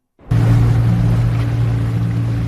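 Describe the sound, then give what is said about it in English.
A motorboat engine starts up and runs steadily on the Dead Sea, a loud low droning hum with a broad wash of water and wind noise over it, no voices. “Jake Benzaken is one of the only people licensed to operate a boat on the Dead Sea.”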